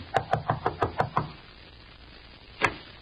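Seven quick, evenly spaced knocks rap on a door in a brisk run, followed by a pause and then one more single knock.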